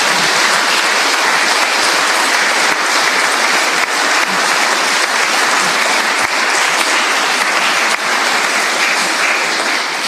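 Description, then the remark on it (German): An audience applauds steadily at a church service for the musical ensemble of organ, violin and cello, a dense, even crackle of many hands clapping for the full ten seconds, loud throughout with no voices. “Ich glaube, die haben jetzt auch einen Applaus verdient.”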